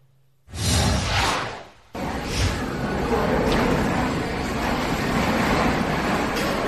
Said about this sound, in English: Whoa. Yeah, another day of storms there in Miami. You can hear them pounding the road and the windows there, as this was captured yesterday, while strong storms were soaking not just South Florida, but a good chunk of the Big Bend